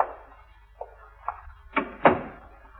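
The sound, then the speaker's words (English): A door closes and its chain is worked loose: a few sharp clicks and rattles build to two louder knocks near the end, with no one speaking. “I can't get the chain off if you don't close the door.”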